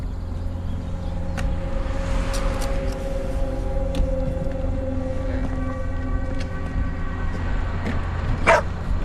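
A dog lets out a few scattered barks over the steady low hum of an idling car engine, with the loudest bark coming near the end.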